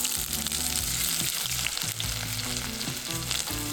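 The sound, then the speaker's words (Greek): Onions frying with garam masala in plenty of extra virgin olive oil, a steady crackling sizzle that holds without pause, with low tonal background music running underneath and no voices. “Ξεκινάμε πάντα με σιτιακό ελαιόλαδο, έξτρα παρθένο, θα βάλω αρκετό και θα ρίξω τα κρεμμύδια μαζί με γκαραμ μασάλα να σοδαριστούν.”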